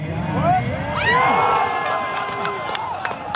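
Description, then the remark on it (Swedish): A crowd watching a big-screen TV at Revens grund in Norrköping erupts in loud, sustained cheering after the 5-1 goal in the Sweden–Tunisia match, with high shouts, whoops and whistles rising over a dense roar of voices, and a few sharp claps or bangs near the end. “Men 5-1 blev det, så här lät när Norrköping hade storbilds-tv vid Revens grund och 5-1-målet.”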